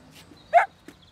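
dog barking

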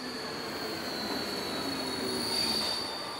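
train

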